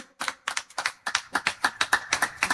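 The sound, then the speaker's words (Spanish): Strong audience applause in a steady, rhythmic beat, with about a dozen sharp, crisp claps in quick succession, given in honor of a local church community. The clapping is even, with no voices over it. “Y Choje, que haya un fuerte aplauso, Chiquere, a comunidad San Francisco de Asís, que lo he hecho, Chicoc.”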